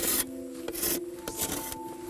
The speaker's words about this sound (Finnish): Sitten sahalla putsaus.